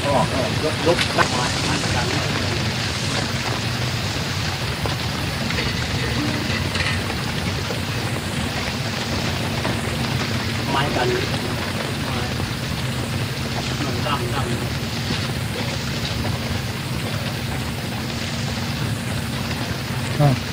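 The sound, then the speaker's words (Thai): Steady rain falls throughout, a dense, even hiss of drops on surfaces that never lets up, with faint voices murmuring now and then beneath it. “พอกลางร่มเสร็จฝนหยุดพอดีนะ”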